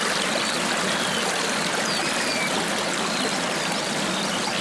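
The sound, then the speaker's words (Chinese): Steady rushing of a flowing river at the bottom of a valley fills the whole stretch, a constant bright burble of water over rocks, fairly loud, with no voices present. “红尾水渠逐水而居，它们的鸣叫清脆，与流水声相映成趣。”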